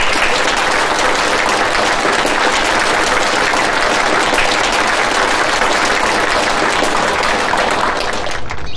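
Sustained, loud applause from an audience at a Chinese department lecture on nineteenth-century French literature, welcoming the lecturer: a dense steady clatter of many hands clapping for several seconds before tapering slightly at the end, with no talking over it.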